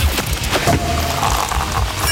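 A few sharp, loud cork pops burst out near the start, followed by a dense, hissing fizz and low rumble that carries through the rest of the moment, with no voices.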